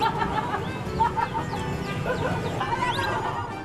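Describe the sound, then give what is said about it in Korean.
A chicken clucks in quick, repeated bursts over a constant noisy rumble that fills the background throughout; it is a woman's chicken that got loose while she dozed off and was chased and caught. “알고 보니 아줌마가 잠깐 졸다가 닭을 놓친 거였습니다.”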